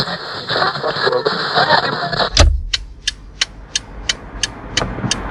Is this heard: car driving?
yes